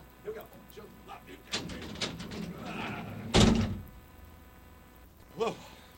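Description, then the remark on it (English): A heavy studio door creaks and rattles open for a couple of seconds, then swings shut with a single loud thud; brief voice sounds come before and after. “I always forget where the big-ass door is, but you know what? It's always right there.”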